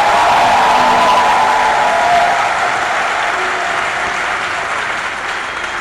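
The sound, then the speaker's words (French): An audience applauds loudly for all their priests, a dense, sustained wash of clapping with a few cheers or whistles near the start, holding strong for several seconds before easing slightly. “Applaudissons pour tous nos prêtres.”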